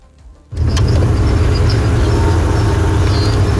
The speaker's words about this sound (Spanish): Ese carro es de transporte escolar, don Pollo, y lleva una llanta ponchada, que es la llanta trasera del lado derecho, y aún así está circulando.